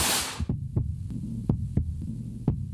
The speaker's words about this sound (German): Das ist das Herzrasen eines Soldaten im Gefecht. Irgendwo an der 1000 Kilometer langen Front in der Ukraine.